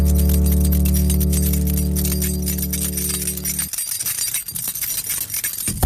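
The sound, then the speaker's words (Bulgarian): A steady low humming tone holds for a few seconds, then cuts off abruptly and gives way to keys jangling, a loose, bright metallic clinking and rattling that continues on its own. “Това са ключовете.”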